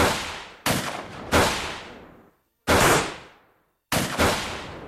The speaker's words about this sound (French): Des coups de feu claquent.